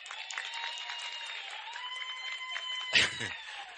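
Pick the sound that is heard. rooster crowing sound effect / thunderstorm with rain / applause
applause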